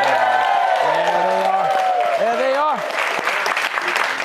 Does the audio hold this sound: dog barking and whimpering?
no